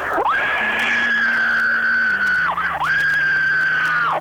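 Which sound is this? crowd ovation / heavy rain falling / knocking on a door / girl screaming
girl screaming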